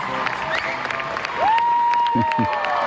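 A large audience applauds with dense, steady clapping throughout, joined by a rising whistle midway and a couple of short cheers or shouts near the end.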